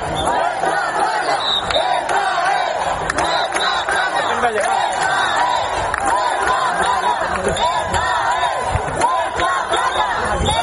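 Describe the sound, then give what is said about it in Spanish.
A large crowd of citizens in Ceuta shouts together in a loud, sustained roar of many voices, rising and falling in repeated chant-like bursts of the slogan "Ceuta se defiende" with no pause throughout. “Ciudadanos que se unían al grito de Ceuta se defiende y que al final irrumpieron en la playa para acabar con las chozas de estos migrantes ilegales a eso de la medianoche.”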